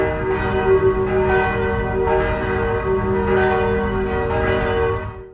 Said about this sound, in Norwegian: Og politiet rykket i natt ut til Torshov kirke i Oslo, hvor kirkeklokkene begynte å ringe litt over ett-tiden i natt.